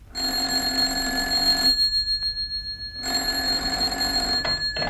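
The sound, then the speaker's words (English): A telephone bell rings loudly in an office at 7 a.m. on a Sunday in two long, rattling bursts separated by a short pause, with no voices present. “I was on the verge of leaving the office after a fairly hectic night when the phone rang.”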